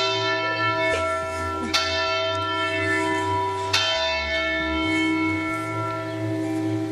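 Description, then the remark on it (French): Church bells of a church in Châtellerault ring the hour, heard from the church tower's viewing platform; loud and resonant, their deep overlapping tones humming continuously while sharp clangs strike at intervals. No voices are heard. “Et c'est l'heure des cloches, en plein direct.”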